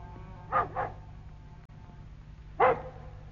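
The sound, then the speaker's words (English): A dog barks three times: two quick barks close together, a pause, then one more bark. It has been barking like this for nearly 20 minutes. The barks are moderately loud over a steady low hum, with no talking. “What's the matter with the dog? He's been going on like that for nearly 20 minutes.”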